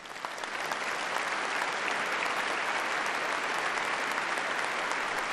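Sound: audience applauding in church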